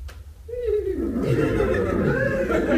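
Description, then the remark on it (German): A nervous horse whinnies, a long wavering call that slides down in pitch and trembles for a couple of seconds over a steady, noisy background. “Ach, was sind die Pferde an mich so nervös?”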